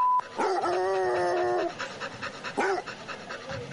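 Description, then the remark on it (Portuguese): A dog lets out a drawn-out, tonal bark-like cry, then a shorter yelp a second later, with breathy panting in between and after, and no talking. “Ai, cachorro! Sai daí,”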